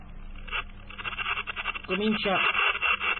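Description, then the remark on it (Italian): Narrow, tinny radio hiss and crackle, then a faint transmitted voice abruptly breaks through the static partway in, thin and band-limited, as a slightly stronger signal opens the receiver's squelch. “Però appena un segnale arriva un po' più forte...”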